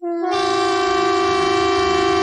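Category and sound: signal or alarm, civil defense warning siren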